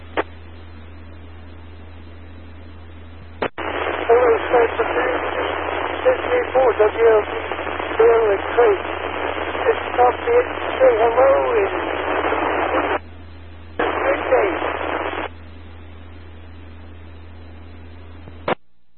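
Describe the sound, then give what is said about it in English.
A faint, garbled voice of a caller checking in with a call sign comes through a radio repeater on a narrow, hissy channel, swamped by static and cutting out in abrupt dropouts before the signal vanishes, leaving a low steady hum. “I hear you just barely out there in the static, but come on in.”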